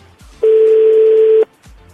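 A single steady electronic ringback tone plays for about a second, loud, as a phone call to Eldad Yaniv rings while waiting for him to pick up, with quiet gaps on either side.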